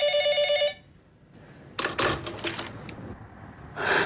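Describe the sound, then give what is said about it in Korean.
A telephone bell rings loudly in a short burst, then stops, followed by clattering and rustling noises like a handset being handled, with another brief ring-like burst at the very end. “입씨름을 그만두고 전화를 받던”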